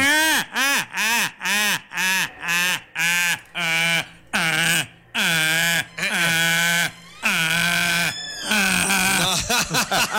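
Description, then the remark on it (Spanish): A person loudly imitates a donkey's bray, a rhythmic run of short hee-haw bursts that stretch into longer, wavering cries, with no other voices. “Ya sabes, como el burro.”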